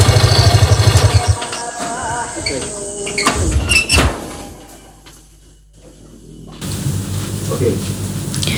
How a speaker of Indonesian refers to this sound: Pintu terbuka.